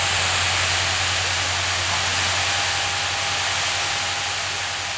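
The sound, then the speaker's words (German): A steady, loud rush of water hisses continuously from a firefighters' hose nozzle spraying suspected fire spots during a forest fire in Saarland, Germany, with a low engine-like hum underneath and no voices. “Schon Minuten später sprüht das erste Strahlrohr auf die vermeintlichen Brandnester.”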